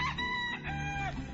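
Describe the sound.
A person imitates a rooster's crow, a single drawn-out cock-a-doodle-doo with rising and falling pitch, loud, lasting just over a second with no other talk.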